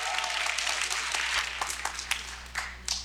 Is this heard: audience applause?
yes